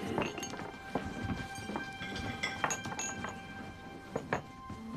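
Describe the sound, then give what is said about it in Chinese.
Glasses clink together in a toast to the peaceful liberation of Tibet, several bright chiming taps scattered over a few seconds amid a busy background of low murmur and movement. “来，让我们大家共同举杯。”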